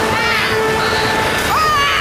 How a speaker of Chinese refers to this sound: 就比如这些撞击小船的激流。